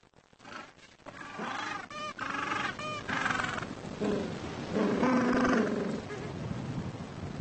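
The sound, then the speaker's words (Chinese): A colony of over 300 gentoo penguins, incubating eggs and raising chicks on a plain above the beach, calls at once, with overlapping harsh, braying and honking cries that rise and fall in a loud, steady chorus with no pauses. “这里有300多只企鹅正忙着孵卵或者养育雏鸟。巴布亚企鹅一年产2枚卵，它们昼夜不停地守护着下一代。”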